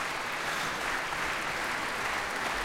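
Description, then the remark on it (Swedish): Steady applause from a concert audience for Västerås Sinfonietta, Musica Vitae and the radio choir, with an organist, a dense even wash of many hands clapping at constant loudness throughout, with no voices. “Applåder alltså för Västerås Sinfonietta, Musica Vitae och radiokören.”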